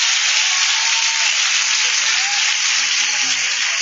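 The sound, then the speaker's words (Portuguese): An audience claps their hands to exalt the Lord in a dense, steady wash of applause that holds at an even, fairly loud level throughout, with no voices speaking over it. “Palmas exalta o Senhor.”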